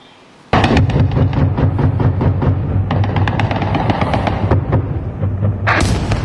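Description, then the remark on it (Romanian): After a brief quiet moment, loud anti-aircraft gunfire from air defense systems erupts into dense, rapid bursts of cracking shots that continue almost without pause for about six seconds, with no voices, as they try unsuccessfully to shoot down Shahed drones striking the Ukrainian border crossing point of Orlivka. “Sistemele antiaeriene au încercat fără rezultat să doboare aparatele de zbor.”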